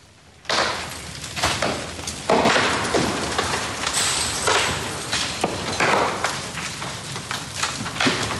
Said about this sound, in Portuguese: Ouvimos aqui as explosões que deram origem ao incêndio violento. As chamas alastraram rapidamente, acabando por atingir este edifício. O fogo terá começado numa carrinha, está a ser alvo de perícias